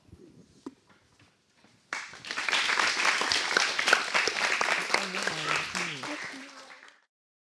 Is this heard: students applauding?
yes